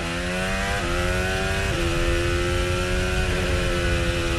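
A loud hybrid race car engine drops in pitch in distinct steps as the car brakes into a corner, stepping down through gears with sharp shifts while the battery recharges, a steady mechanical roar running throughout with no voices.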